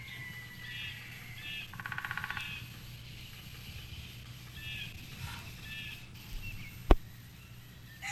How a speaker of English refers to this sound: distance the call of a jay.